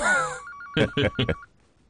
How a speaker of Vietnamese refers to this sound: Đi nghe điện thoại đi.